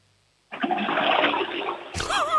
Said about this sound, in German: Das ist aber eine laute Klospülung. Du, da kann man ordentlich groß reinmachen. Da geht alles weg, hätte ich gesagt.